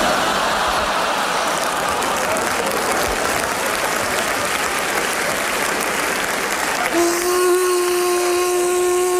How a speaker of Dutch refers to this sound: Het gezoem wordt overdoofd. En de spin denkt... Dit wordt de grootste vlieg die ik ooit in mijn web gevangen. Hij kon ook niet weten dat het een stofzuiger was.